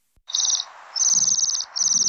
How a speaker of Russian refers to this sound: Ой, кто это? Это наши гости. Северные птицы, свиристели. Послушай, какая нежная у них песенка.